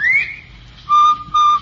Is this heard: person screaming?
no